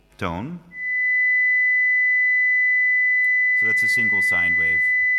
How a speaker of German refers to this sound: Das ist eine einzelne Sinuswelle, 2000 Hertz.